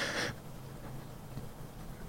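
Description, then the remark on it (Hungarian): A single quick sip of coffee, a brief airy slurp right at the start, then fades into quiet hiss with no one talking. “Persze, én mondjak el mindent az adásban, te meg csak egy üdítő mellett vagy hajlandó, akkor most így beleiszok van a víz kis kávénba.”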